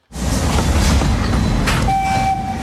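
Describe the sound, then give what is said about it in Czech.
A narrow-gauge steam train of the Osoblaha narrow-gauge railway arrives at Slezské Rudoltice, Czech Republic, rumbling loudly with steady mechanical clatter and hiss, and a sustained whistle tone sounds over it near the end. “Na parní vlak jsem si počkal ve Slezských Rudoticích a seskakuje z něj Vít Bumba”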